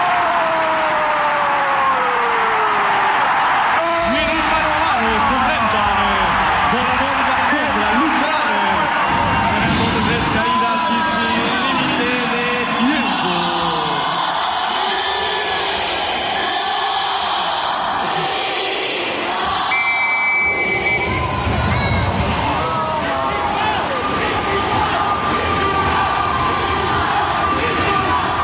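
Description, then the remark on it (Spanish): A stadium crowd erupts in loud, sustained cheering after a goal from a shot by Luis Enrique. Shouts and whoops rise over a dense roar that stays strong for the whole stretch. “Se escucha. Y hay gente ahora sí. Se vive.”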